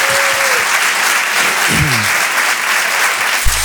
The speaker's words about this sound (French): Merci d'applaudir et d'accueillir Karim Duval.